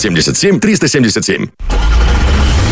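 A nervous cat named Murzik yowls loudly in a car in a rapid string of short, wavering cries, then stops and gives way to the steady rumble of the car engine.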